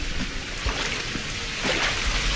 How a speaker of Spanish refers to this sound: son aguas servidas. Si ve la cámara todavía sigue saliendo. Vamos caminando para allá, muchachos. No sé si logran, por ejemplo, les voy a poner el micrófono en el suelo para que se escuche cómo suena el agua.